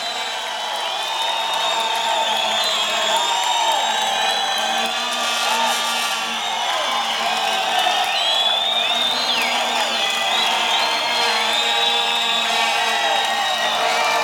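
A large crowd cheers and applauds steadily for a band taking a last bow at 2 o'clock in the morning, with whoops and yells rising over a dense, continuous roar of clapping that stays loud throughout.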